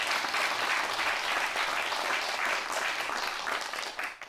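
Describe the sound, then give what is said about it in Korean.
An audience at a performance about master singer Kim Ok-sim claps steadily to welcome the guests who will introduce her, a dense, sustained wash of applause that holds at full strength before easing slightly at the very end, with no talking over it. “여러분 뜨거운 박수로 보내주십시오.”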